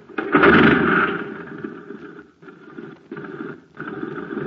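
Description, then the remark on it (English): In a Space Patrol radio advertisement, the small engine of a jet cycle running on ordinary fuel putt-putts and sputters, starting loud and rough, then running unevenly and briefly cutting out twice before chugging on. No one speaks. “Say, gang, talk about a putt-putt. Just listen to this jet cycle.”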